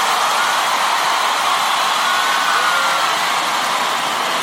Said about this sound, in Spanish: Sí, aplaudirle, aplaudirle fuerte, por favor, vamos, fuerte, fuerte, fuerte, fuerte, fuerte, fuerte, fuerte.